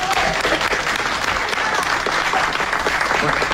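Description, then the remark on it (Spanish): A sustained burst of audience applause welcoming poets onto a tango programme, dense and steady clapping from many hands at a loud, even level throughout, with no voices standing out. “Por favor, aquí vamos a recibirlo con un aplauso a los poetas.”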